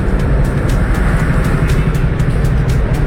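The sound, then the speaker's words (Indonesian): Loud, steady rumble of a two-way traffic jam on LA Sucipto road near Blimbing station, with buses diverted through; the deep drone of idling bus and car engines fills the scene continuously, with faint rapid ticking on top and no voices. “Waduh, 2 arah itu Pak ya, sampai padat. Sucipto macet. Bus semua lewat sini.”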